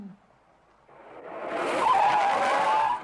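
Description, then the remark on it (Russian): A car brakes hard as it stops at a traffic light, with a rising rush of road noise, then a loud, sustained tire screech for a second or two before cutting off. It's clear, with no voices. “На светофоре рядом останавливается машина с водителем, двойником шофера Горбункова.”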